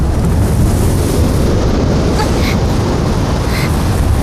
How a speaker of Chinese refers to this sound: 这么大的风。